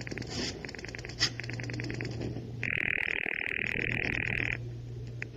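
A telephone being dialed in a den: runs of quick, even clicks, then a steady buzzing tone lasting a couple of seconds, over a low hum. No one speaks.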